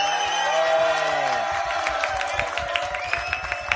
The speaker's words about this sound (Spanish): Un aplauso a esa señora.